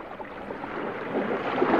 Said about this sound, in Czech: Loď si to plula po klidným moři a všichni námořníci odevzdaně drhli palubu, pořád něco natírali, jak už to tak námořníci dělají. Zkrátka pohoda.